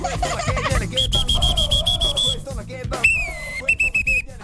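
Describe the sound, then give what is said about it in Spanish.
Two referee whistles blown one after the other: a long, shrill, trilling blast, a short pause, then a second trilling blast at a slightly lower pitch, over busy background noise. “Me regaló dos silbatos.”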